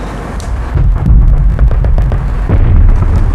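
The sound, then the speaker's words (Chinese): Muffled gunfire from a clash with Japanese soldiers: a scattered series of dull cracks and thuds rolling over a deep, continuous low rumble, with irregular bursts of shots and no voices. “坏了，听枪声，一定是三哥他们和鬼子干上了。”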